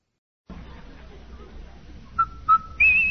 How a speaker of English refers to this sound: Hey, Andy, hear that whistle? Sure do, Amos. That whistle means rinso white, rinso bright, rinso new.